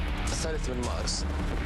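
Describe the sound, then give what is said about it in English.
A crackle of gunfire on 3 March 1991: several sharp, irregular bursts over a dense, rumbling background, with indistinct voices mixed in. “You would have heard this crackle of gunfire.”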